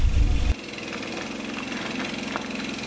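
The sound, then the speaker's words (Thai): A boat engine drones steadily on a boat crossing from Laos to Thailand and arriving at the Ban Pha Chan landing. It is a loud mechanical hum with a rumbling burst at the start that settles into an even, continuous chug. No voices are heard. “จากฝั่งสปป.ลาวมายังฝั่งไทยนั่งเรือมาไม่เกิน30นาทีก็มาถึงท่าน้ำบ้านผาชัน”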